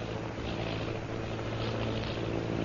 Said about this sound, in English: Sounding like airplane. Airplane?